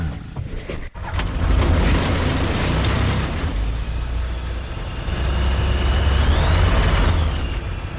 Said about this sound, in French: Donc voilà, là maintenant on a démarré l'avion